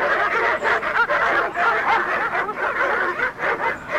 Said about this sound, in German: begrüßte uns nicht Herr Morgan, sondern eine wild kläffende Hundemeute